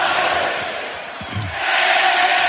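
A huge stadium crowd sings together without accompaniment, a dense, sustained wash of thousands of voices that swells and dips slightly, heard from a distance with no one talking over it.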